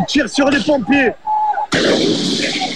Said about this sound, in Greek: Μέχρι τα ξημερώματα ταραξίες συγκρούνται με την αστυνομία. Εκτοξεύουν εναντίον τους σε ευθεία βολή φωτοβολίδες και πυροτεχνήματα.